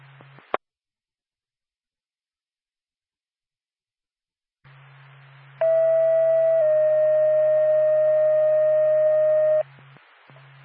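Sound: emergency dispatch paging tone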